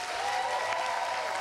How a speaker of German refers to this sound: Ich war total überwältigt vom Applaus. Also das ist mega. Ich habe es schon die Tage davor gehört, dass der Applaus ist eigentlich immer krass. Also auch von der Seite aus. Aber wenn man hier steht, dann ist es natürlich noch mal krasser.